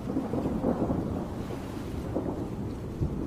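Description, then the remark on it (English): Low, rolling thunder rumbles continuously through a storm, a deep steady roar with faint rain and wind hiss above it and no voices. “Like many animals, these penguins seem to fear the roar of the thunder and watch the sky with apprehension.”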